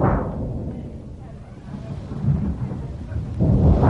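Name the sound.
rumbling thunder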